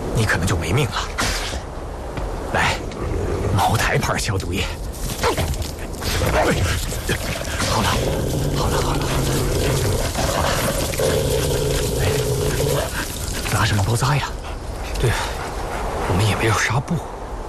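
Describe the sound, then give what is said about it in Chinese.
Maotai liquor pours and splashes in short gurgling bursts onto the bleeding wound of a wolf's severed front leg, under steady voices talking, with a drawn-out whining tone partway through. “来，茅台牌消毒液。”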